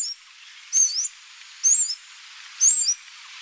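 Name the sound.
blue-throated sunbird calls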